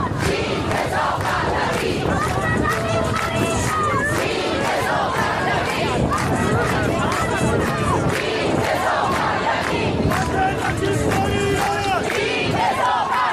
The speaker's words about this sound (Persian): شعارشون یک چیز هست، سرنگونی جمهوری اسلامی. یک خواسته رو دارن، خواسته ای رو که 6 ماه مدام فریاد میزنن.